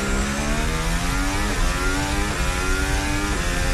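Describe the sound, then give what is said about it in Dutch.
Formula 1 car engine heard onboard Verstappen's car, a loud high-revving whine with harmonics that climb steadily, then drop sharply at gear shifts and climb again, over constant rumble and wind noise. “Juist, dit is het onboordgeluid vanaf de auto van Verstappen...”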